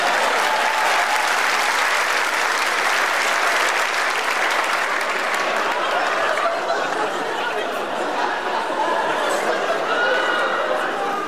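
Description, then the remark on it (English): Sustained audience applause as a ventriloquist gets his puppet, a dense steady clapping from a crowd lasting the whole stretch, with a few faint laughs and murmurs mixed in. “Round of applause as he gets his puppet.”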